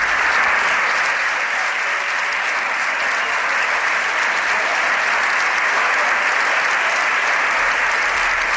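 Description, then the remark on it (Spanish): Sustained, dense applause from the PSOE bench standing in the Spanish parliament chamber to ovate Prime Minister Pedro Sánchez as he enters with ministers, steady and loud throughout like a standing ovation, with no voices standing out. “toda la bancada del PSOE ovacionando al presidente del gobierno.”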